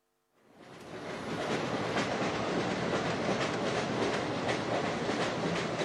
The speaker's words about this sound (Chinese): 坐在只有我们两个人的头等车厢里，这是一列快车，刚刚开出安德沃尔火车站。